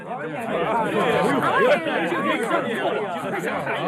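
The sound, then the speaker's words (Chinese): A large crowd chatters all at once, many overlapping voices forming a dense, steady babble with no single speaker standing out, as a large audience streams out of a theater after a performance ends. “很快演出结束，大批的观众从剧院涌出来。”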